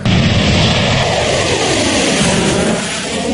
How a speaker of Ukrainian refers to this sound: Російські бомбардувальники Ту-95 та китайські Н-6К разом патрулюють у Тихому океані. Їх супроводжують винищувачі, летять, зокрема, над Японським морем.